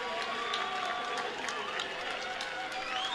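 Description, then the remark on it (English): A baseball crowd cheers in a steady, dense roar after a challenged called third strike is overturned to a ball, with scattered claps and shouts rising through the sustained noise for a few seconds. “And the crowd loves that.”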